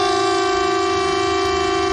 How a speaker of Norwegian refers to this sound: Hei, dette er en viktig melding fra politiet og sivilforsvaret. I morgen klokken 12 testes nødvarsel på mobil. Og tyfonene?